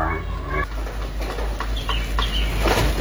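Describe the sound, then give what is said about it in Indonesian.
The wheels of an enclosed MBG food cart made of light steel creak and squeak in short, high-pitched, irregular bursts over a steady low rumble, with faint voices murmuring in the background. “Kini derit roda gerobak MBG menjadi suara yang dinanti para siswa,”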